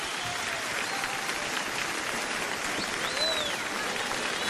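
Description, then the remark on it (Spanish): Sustained applause from a large audience for a female singer taking the stage at a Venezuelan music concert, a dense steady wash of clapping with a few faint whistles rising above it, continuous and fairly loud throughout. “El aplauso para la señora”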